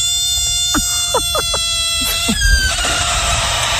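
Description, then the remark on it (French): A frog lets out a run of short, rising, croaking cries, about half a dozen in quick succession, over a steady high-pitched hum and background noise. No one speaks. “Non, c'était la grenouille.”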